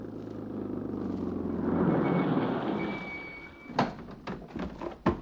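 A vehicle engine rumbles steadily up close, swelling slightly as it runs, with a thin high whine over it, then several sharp metallic clacks and knocks break in near the end.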